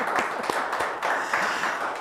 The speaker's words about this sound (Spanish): Oye, pues se merece un aplauso, como tenemos público, ¿no?